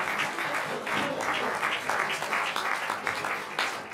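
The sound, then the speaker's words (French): Steady applause from an audience, a dense wash of many hands clapping continuously, with no voices standing out. “On peut les applaudir, c'est formidable.”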